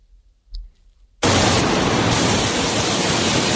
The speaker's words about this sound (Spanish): Agua que sorprendía ayer a los vecinos del norte de Tenerife. Así se escuchaba el chaparrón en La Guancha o Nicot.